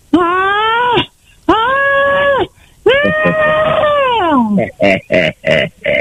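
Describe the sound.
A woman vocally imitates how she screams during orgasm: three long, high, wavering wails, the last sliding down in pitch, then a quick run of short, sharp cries.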